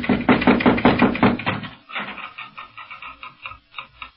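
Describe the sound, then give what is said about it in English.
A quick series of loud, hollow raps on a house door on a Moorish street, about eight in a row, followed by a run of softer, evenly spaced knocks that fade a little toward the end. “No, but here, let me knock.”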